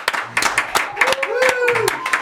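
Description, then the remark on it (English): A short round of applause from a small group of studio crew and engineers at Studio One, with scattered, uneven hand claps and a rising-and-falling whistle cutting through partway. “Open Studio One's door and lend a round of applause.”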